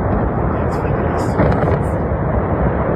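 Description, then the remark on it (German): A loud, deep rumbling roar from the demolition blast of the chimney of a former RWE coal power plant in Kreis Steinfurt, in February, with a loud bang and much dust. It is sustained and heavy throughout, with scattered higher crackles and debris noise riding over the continuous low thunder. “Mit einem lauten Knall und viel Staub fiel damit eine letzte Landmarke des früheren RWE-Kraftwerks.”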